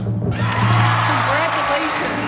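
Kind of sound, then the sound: crowd, audience cheering and applause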